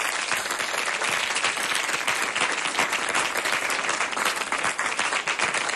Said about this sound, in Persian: یک تشویق به افتخار خودتون بزنید و برنامه تموم شد.